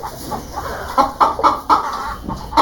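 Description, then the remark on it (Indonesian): Several chickens cluck in short, irregular bursts in a yard, a busy overlapping chatter of hens with a steady background hiss and no talking. “Bantu saya membariskan ayam-ayam ini ya. Ayam-ayam ini harus diberi pengarahan.”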